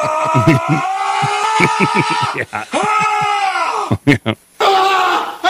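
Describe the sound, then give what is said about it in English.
A voice imitates a weightlifter's strained groaning and yelling while struggling to lift weights: long, loud, tense cries, broken by a few sharp grunting bursts near the end. “The suit specifically takes issue with the sound of dropping heavy weights on the floor, banging pieces of metal equipment against each other, and weightlifters groaning, yelling, and struggling to lift weights.”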